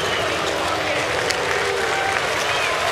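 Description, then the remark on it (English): Steady stadium crowd applause at Progressive Field, Cleveland, for pitcher Gavin Williams after his perfect game ends on a base hit in the sixth: a dense wash of clapping and cheering that holds at an even, loud level for the full three seconds with no break. “And Gavin Williams will get a nice hand from this crowd here, Progressive Field.”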